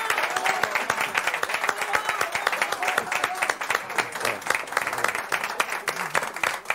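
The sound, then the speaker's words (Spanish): Sustained applause from a crowd, many hands clapping in a dense, steady patter that stays loud throughout with no pauses, with a hint of voices mixed underneath. “aplausos, no merecen.”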